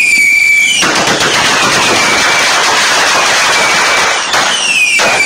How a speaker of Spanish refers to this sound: Y cómo que no, cómo que no, vamos a también llevar los cohetes y triques.